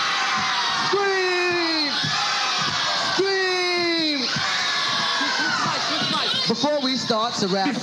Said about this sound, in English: Somebody and anybody and everybody scream.